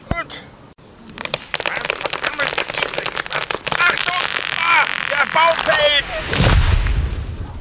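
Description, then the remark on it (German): Three sharp, hard chops from an axe that is too small strike a tree amid creaking, whining wood, ending in a loud, heavy low crash as the felled trunk comes down. “Ich brauche ganze 3 Schläge, um einen Baum zu fällen.”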